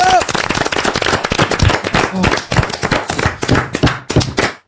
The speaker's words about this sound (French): On vous applaudit et on vous embrasse. Bravo.